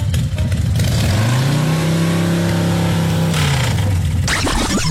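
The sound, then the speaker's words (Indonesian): A motorcycle engine revs up as the rider moves the parked motorcycle, its pitch climbing into a sustained loud drone, then easing back down before the engine noise shifts and fades out. No one speaks. “Yelah, aku alihkanlah motosikal aku ni, ha.”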